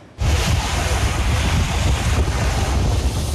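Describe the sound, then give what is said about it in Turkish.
Loud, steady roar of Black Sea waves washing against a harbor in Arnavutköy, Istanbul, Turkey, where a renewable energy facility uses the waves to produce electricity. A dense continuous surge with heavy low rumble and some wind buffeting the microphone, no voices. “Karadeniz'in dalgaları elektrik üretiminde kullanılıyor.”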